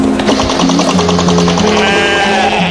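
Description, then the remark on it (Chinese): A flock of sheep bleat over and over in wavering, overlapping calls, loud and continuous, amid wind and blowing sand, with a low mechanical drone running steadily beneath them. “风沙中共同守护羊群，困难时伸出援手，冰地共筑是你有我，我有你的真情体现。”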